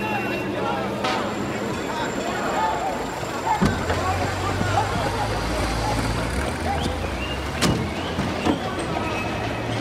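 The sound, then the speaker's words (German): A car drives along with a steady engine rumble and road noise throughout, a deeper drone settling in partway through, with occasional sharp clicks and faint murmuring voices underneath. “Da fährt ja nicht jeden Tag in so ein schönes Auto.”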